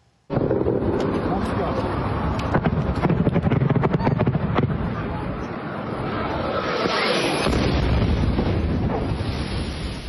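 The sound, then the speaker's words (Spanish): A sudden, loud explosion from a Russian drone striking Kyiv, Ukraine, bursts in and rumbles on with crackling debris for several seconds, with voices faintly mixed into the roar as people run for safety. “Videos muestran a personas corriendo para ponerse a salvo mientras una de las aeronaves impactaba la capital ucraniana.”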